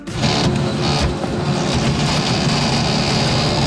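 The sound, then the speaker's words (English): A loud malfunctioning printer runs steadily, giving off a harsh mechanical grinding drone with a deep rumbling hum and a few brief surges of hiss. No one speaks. “This is not just a slow printer. This has to be a defective.”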